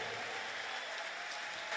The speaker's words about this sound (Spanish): Ese aplauso para el Señor, fuerte.